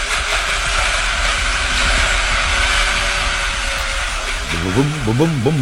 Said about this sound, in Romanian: Vedeți? Invenția mea este extraordinară. Uitați-vă, este o mașinărie de mărimea unui tractor, da. Care, e adevărat, face ca mult zgomot, da. Și fum.